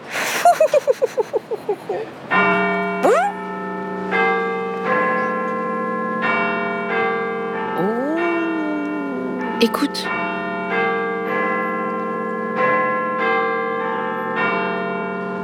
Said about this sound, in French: Tu entends? C'est la plus grosse cloche de la ville qui sonne. On l'appelle Big Ben. Tu veux répéter après moi? Big Ben. Big Ben est tout en haut d'une tour.